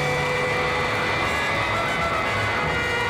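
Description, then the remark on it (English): A loud, steady engine roar with a whining tonal edge from a solar-powered robot plane climbing into the stratosphere, sustained without a break, with no voices. “As the magnificent solar-powered vehicle begins a dizzying climb into the stratosphere, racing the armed might of the world's greatest nations to disaster.”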